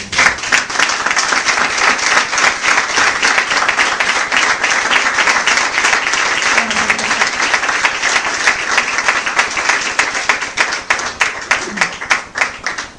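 An audience applauds the Lord steadily for about thirteen seconds, a dense, loud wash of many hands clapping that holds level before thinning into scattered claps at the end.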